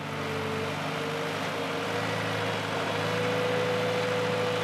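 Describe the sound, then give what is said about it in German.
A truck engine runs steadily with a deep, constant rumble and a sustained mid-pitched whine as the truck is being pulled out of the mud, holding an even loudness throughout with no voices. “Aber erst mal den LKW aus dem Dreck ziehen.”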